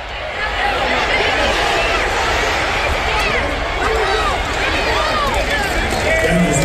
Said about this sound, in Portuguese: Olha que legal esse frisson da torcida. Vocês acabaram de entrar junto comigo dentro de um estádio de futebol americano.